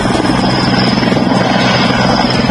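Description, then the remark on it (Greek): Loud, steady droning of firefighting aircraft, some 30 of them, flying overhead and diving through thick smoke to drop water on wildfire fronts, a thick rotor-and-engine roar that holds constant throughout without pause, dominant with no voices. “30 πυροσβεστικά αεροσκάφη σε μια εξαιρετικά δύσκολη συνθήκη βουτούν μέσα στον καπνό, φτάνοντας μια ανάσα από τις πύρινες γλώσσες.”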